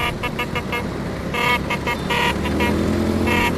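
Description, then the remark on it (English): Several Vespa scooters, ridden by enthusiasts in Rome celebrating the Vespa's 80th anniversary, rumble by, their engines buzzing steadily while horns toot repeatedly in short, overlapping bursts, with faint crowd voices in the background. “Thousands of scooter enthusiasts are in Rome this weekend to celebrate the 80th anniversary of the Vespa.”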